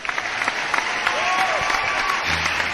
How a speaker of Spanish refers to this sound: Aplausos.